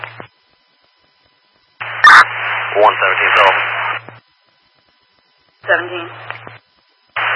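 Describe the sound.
Crackly, band-limited radio static comes in short bursts that cut in and out, with garbled voice-like fragments buried in the hiss, a steady low hum under each burst, and dead silence between.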